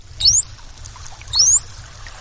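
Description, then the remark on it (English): Two high, rising bottlenose dolphin signature whistles, each sweeping steeply upward, one after the other, over a low underwater rumble and faint crackling. “You're listening to the dolphin equivalent of a name like Bob, Steve, or Jennifer.”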